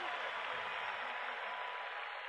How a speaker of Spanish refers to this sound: Para el maestro, los aplausos. Fuerte ese aplauso. Fuerte ese aplauso.